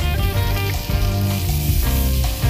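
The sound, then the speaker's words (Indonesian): Steady, loud sizzling of goat meat served on a hot plate to keep it hot, a continuous crackling hiss that fills the whole moment with no voices over it. “kambing lalu disajikan di atas hot plate agar tetap panas saat disantap.”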